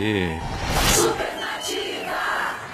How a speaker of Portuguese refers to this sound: Cadê o aplauso ali? Aê!